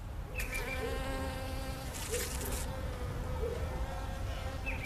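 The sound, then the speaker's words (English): A steady, dense drone of many honeybees buzzing around a backyard hive, with individual bees zipping past now and then and a brief rustle partway through. “And then in my backyard, I have another hive as well. This is really where I sit and watch my bees, because a big part of it is also watching the bees, seeing what they do.”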